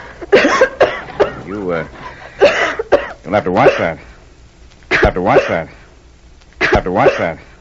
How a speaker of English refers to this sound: The cough. Oh, it'll be all right. I got it coming through the mountains.